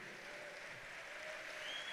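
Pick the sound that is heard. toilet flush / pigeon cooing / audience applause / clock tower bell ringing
audience applause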